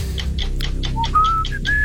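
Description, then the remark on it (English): Short whistled tones, each sliding slightly upward and growing a little higher, sound clearly over a steady backdrop of rhythmic, chirpy pulses and a low rumble. “Whistling.”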